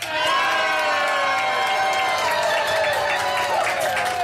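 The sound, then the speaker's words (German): A large live crowd at the Tag der Niedersachsen festival on the Löwenwall in Braunschweig, Germany, cheers and shouts continuously, a dense, loud wash of many voices with whoops rising above, sustained throughout without pause, under sun and a few clouds. “Und wir haben aber ein tolles Publikum hier immer noch.”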